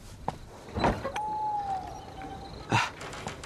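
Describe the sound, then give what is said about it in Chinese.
A door is opened at night in a room in the Soviet area lodging, by a man rising to answer a knock: a latch clicks, the hinge lets out a long, steady creak lasting over a second, and a final knock or thud follows as it swings to a stop. “马有光起身开门。”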